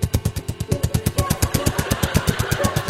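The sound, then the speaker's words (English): A police helicopter passes overhead, its rotor thumping in a fast, steady rhythm over an engine drone. The sound is fairly loud and constant throughout, with no talking. “Police helicopter.”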